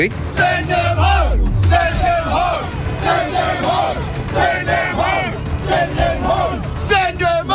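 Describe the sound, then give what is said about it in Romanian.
A large crowd of hundreds of rioting protesters in Belfast and other towns of Northern Ireland shouts and roars continuously, many overlapping voices yelling at once in a loud, chaotic din, with a low rumble underneath and bursts of louder cries throughout. “Irlanda de Nord au luat foc la propriu, după ce sute de protestatari au devenit violenți în Belfast și alte orașe din regiunea insulară.”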